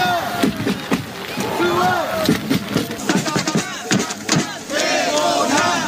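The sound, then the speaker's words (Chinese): A joint North and South Korean cheering squad of over 200 groups, among more than 5,700 spectators at a match in heavy rain, chants and shouts both teams' names and players' names in unison, with loud rhythmic bursts of voices and rising cheers over a constant broad roar, accompanied by intermittent sharp claps or drum hits. “在大雨中，联合助威团成员高喊两队队名和球员名字，现场气氛十分热烈。”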